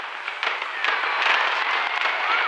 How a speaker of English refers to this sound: Visitors to the Golden Temple expect to hear the sound of fireworks during festivals.